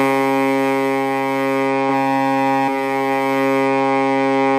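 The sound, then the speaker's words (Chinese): A harbor horn at Dalian Bay fishing port in Dalian, Liaoning, China, sounds at 12 noon on September 1 as the order to start the fishing season after the summer fishing ban. It blares one long, steady, loud blast with a deep, buzzy, harmonic-rich tone that barely wavers, with no voices. “好的，现在已经是12点整了，我们已经听到了港口下达了开渔指令啊。”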